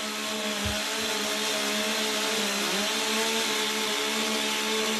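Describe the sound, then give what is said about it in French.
A chainsaw engine runs steadily at high revs in a timed chainsaw competition, cutting rounds off a log: a loud continuous buzzing drone with a brief dip in pitch midway, as if biting into wood, with no voices. “Lui est un athlète express avec la tronçonneuse.”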